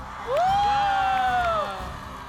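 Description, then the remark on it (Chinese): A live audience at the 6X Chengfeng Night stage performance erupts in screaming and cheering, with a couple of high sustained shrieks riding over a dense wall of crowd noise that stays loud for about two seconds before easing slightly. “观众朋友们，准备好你们的尖叫声了吗？”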